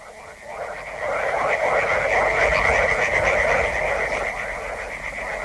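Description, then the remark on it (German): A dense chorus of frogs in river backwaters croaks continuously, many overlapping calls forming a loud, rattling wall of sound with steady pulsing texture throughout. “Die Frösche in den Altwässern, sie sind so laut, dass ich dich nicht höre.”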